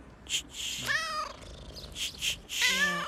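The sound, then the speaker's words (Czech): A cat meows twice, drawn-out harmonic cries near the start and end, with faint hissy rustling between them; moderately loud, no talking. “Čičí, ta je krásná. Holky, nechte tu kočku.”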